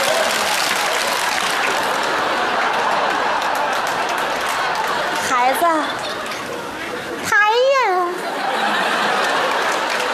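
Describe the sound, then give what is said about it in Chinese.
A crowd claps steadily and continuously along to a sung clapping song, a dense patter of hands, while a voice briefly sings or calls out over it, with some murmured chatter in the background. “如果感到快乐，一起拍拍手。啪啪啪！”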